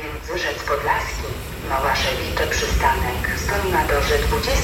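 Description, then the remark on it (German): An S-Bahn commuter train rumbles steadily as it pulls into a station, its low drone and rail noise running beneath a person talking. “So, die S-Bahn fährt jetzt gerade ein hier.”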